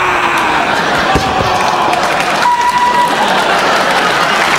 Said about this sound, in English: By a round of applause, how do you feel?